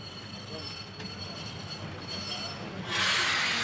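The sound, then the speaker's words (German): A steam locomotive on a siding, being freshly fired and made ready for the next morning, idles with a steady low rumble and faint whining tones, then a loud burst of hissing steam breaks out near the end and keeps going. “Auf einem Abstellgleis wird die Lokomotive für den nächsten Morgen betriebsfertig gemacht. Sie wird neu angeheizt und bleibt während der kurzen Nacht unter Dampf.”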